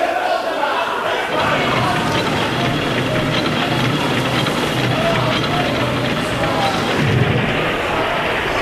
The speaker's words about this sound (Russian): Это ракеты!